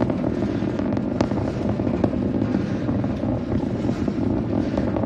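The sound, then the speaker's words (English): A dense, continuous roar from the 33 Raptor 3 engines of a Starship Booster V3 ascending over the Gulf through maximum dynamic pressure, loud and rumbling with crackling pops throughout, steady and unbroken with no voices. “You're looking at it, 33 Raptor engines generating 16.5 million pounds of thrust at the moment of liftoff, twice the power of the Saturn V vehicle, which took mankind to the moon last.”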